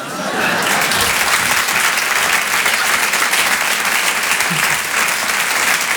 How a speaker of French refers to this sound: Oui, c'est rentré d'un seul coup, l'applaudit bien fort